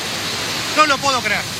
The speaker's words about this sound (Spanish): Y afirmativamente lo estamos viendo en las cataratas del Iguazú, lado Brasil. Un espectáculo impactante, un espectáculo descomunal, arrollador, demoledor.